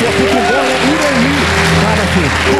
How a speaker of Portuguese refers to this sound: Eita, poder de Deus, diga glória a Deus. Aplauda bem forte o nome do Senhor Jesus.